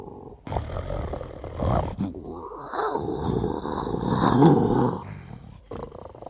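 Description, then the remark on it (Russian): A lion roars loudly, a deep rasping roar stretching over several seconds in two long surges, followed by a brief grunt. No one speaks. “А что же, например, вот сейчас этот лев говорит?”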